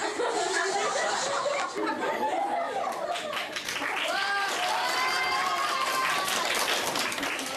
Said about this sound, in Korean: 박수갈채를 한 몸에 받았지만 부끄러운 건 어쩔 수 없나 봅니다.